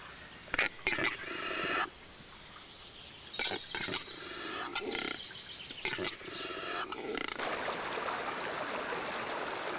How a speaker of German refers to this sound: Der Quellbach stürzt über kleine Wasserfälle zu Tal. Mehrere Bäche vereinigen sich im Harz zur Oker.